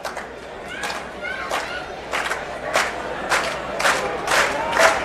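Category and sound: crowd, baseball crowd cheering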